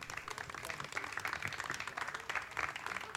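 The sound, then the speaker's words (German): An audience applauds the board members steadily, a dense wash of many hands clapping at an even, moderate level throughout with no pauses. “Verdienter Applaus für den Vorstand, weil ohne euch würde das Ganze nicht funktionieren.”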